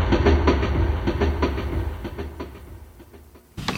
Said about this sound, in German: Da hörten wir doch den Zug, der von Berlin nach Amsterdam fuhr,